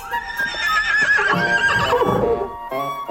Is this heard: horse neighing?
yes